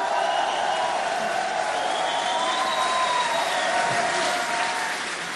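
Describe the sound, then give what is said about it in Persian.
Sustained, dense applause from a large audience in a hall, clapping for the young women leaders present, loud and steady for the whole stretch, with a few faint raised voices or whistles threading through the clapping. “بیایید همه با هم این رهبران زن جوان حاضر در این سالن را تشویق کنیم.”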